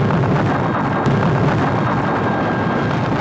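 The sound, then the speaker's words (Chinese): Loud, continuous mountain-clearing blasting explosions at the Shekou Industrial Zone in 1979, with a deep rumbling roar that fills the whole stretch and one sharper burst near the start, no voices heard. “1979年，蛇口工业区的开山炮声为经济特区建设拉开序幕”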